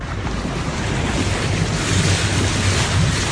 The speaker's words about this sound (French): Dans le lointain, Lauriane Miarán, puisque c'est elle, entend un bateau arriver.